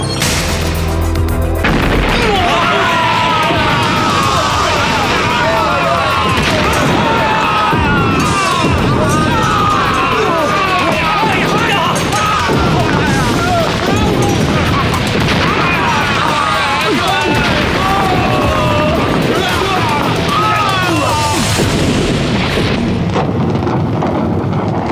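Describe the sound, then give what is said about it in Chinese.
Loud, continuous rumbling blasts from a whole batch of Zhu Yuanzhang's gunpowder set off at once, deep booming that fills the whole stretch, with shouting voices mixed in over the din before it thins out at the end. “朱元璋这批火药这么厉害，早知道就不一下子全用了。”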